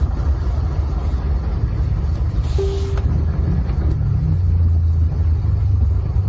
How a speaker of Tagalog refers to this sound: O, oh, kini nasa peer area ni, yan traffic ba?